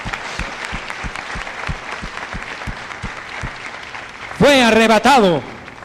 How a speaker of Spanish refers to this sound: Usted, arrebatamiento lo experimentó el mismo Mesías. Den un aplauso a él.